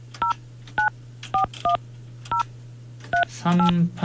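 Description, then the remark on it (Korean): Telephone keypad tones beep out a number as a call is dialed to listener number 3857, who does not answer, so the number is dialed again: seven short, clear dual-tone presses at uneven intervals over a low steady hum, followed by a brief burst of voice at the end. “전화 안 받으시네. 자, 다시 한 번.”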